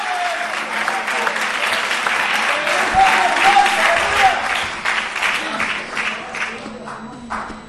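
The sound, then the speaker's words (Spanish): An audience breaks into loud, sustained applause, dense overlapping clapping that holds steady for about eight seconds, with a few faint voices mixed in underneath. “Fuerte ese aplauso, hermano.”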